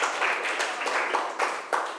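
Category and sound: crowd, students clapping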